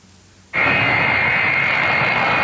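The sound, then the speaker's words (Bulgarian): After a brief quiet moment, the loud, steady roar of the engines of a Russian Emergencies Ministry Il-76 jet transport aircraft, a disaster-relief plane flying through Bulgarian airspace, cuts in abruptly, with a high-pitched turbine whine riding over the broad rumble, sustained. “Късно снощи руският самолет Ил-76 на Министерството на извънредните работи премина през въздушното пространство на България.”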